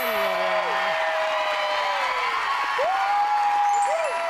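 The audience of the Thai TV show รู้ไหมใครโสด claps and cheers for a single woman contestant in a steady, dense wash of applause lasting several seconds, with a few rising whoops and sliding tones riding over the noise.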